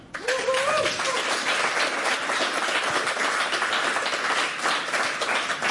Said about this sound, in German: Ah, herrlich, ja. Dafür mache ich's ja. Das ist ja das Brot des Moderators. Honorare nicht so wichtig. Der Applaus, der bringt's.